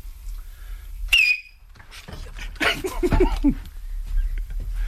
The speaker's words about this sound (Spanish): Baja el micro, que va a silbar Miki Nadal.